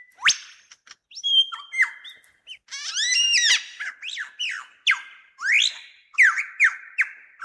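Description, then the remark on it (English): A male superb lyrebird, keeping company with two females, sings up close in a forest in Australia, pouring out a rich, varied stream of ringing whistles, rising sweeps and rapid chattering phrases with short pauses between them. “I've been very carefully following this male lyrebird through the forest.”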